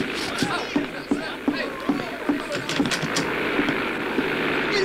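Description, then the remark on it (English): An airplane flown by Slim (Lindbergh) drones steadily overhead, a rough, broad roar with a regular pulsing beat throughout, holding at a fairly loud, even level. “A plane. You know, one of them air contraptions that fly in the air.”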